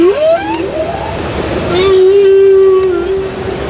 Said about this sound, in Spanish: Los cánticos de las ballenas jorobadas que antes escuchamos